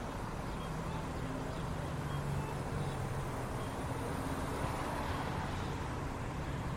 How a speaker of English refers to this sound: And you get to hear all the sounds of traffic as I get back in the car.